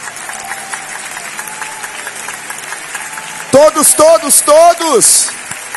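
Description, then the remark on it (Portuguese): A crowd claps steadily together to glorify God, a dense, even patter of applause. Near the end a loud voice speaks over it. “Todos glorificando a Deus com palmas.”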